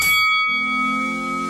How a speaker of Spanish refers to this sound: Atención, tenemos segundo combate de esta tarde. Póngale campana de pelea ahí.